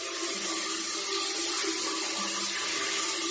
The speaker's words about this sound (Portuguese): E as duas entraram de roupa e tudo, debaixo do chuveiro, e tomaram aquele banho gostoso.